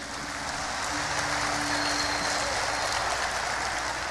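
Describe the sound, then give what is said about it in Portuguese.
An audience applauds, a dense, steady wash of many hands clapping that stays loud and even for about four seconds, with a faint low hum running underneath. “Esse Deus é maravilhoso, uma salva de palmas para ele, amém?”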